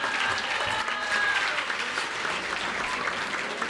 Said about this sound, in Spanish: En esta tarde me permito presentar a quien es presidente municipal de Pinos, Zacatecas, el maestro Armando Contreras Mata. Un aplauso, gracias.